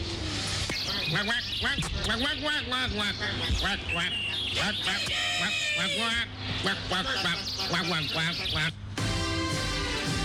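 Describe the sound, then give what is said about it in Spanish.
A nasal, quacking duck-like voice of the character Pato Florencio chatters almost nonstop, loud, with rapid squawky bursts. It sounds like a person imitating a duck rather than a real bird. “¿Qué mejor forma de acabar este exhaustivo reportaje de investigación con las sabias reflexiones del Pato Florencio, lector habitual de poesía barroca alemana y portavoz de la Liga de Animales y Humanos por una prórroga nuclear de 1000 años”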